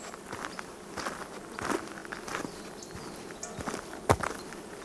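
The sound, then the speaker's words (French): Steady footsteps crunch along at an even walking pace on a walk accompanied by cowbells (clarines, locally called sonail), each step a soft, scuffing thud, with a faint insect-like buzz hovering in the background and no voices. “marche, rythmée par la musique des clarines, qu'ici on appelle sonail.”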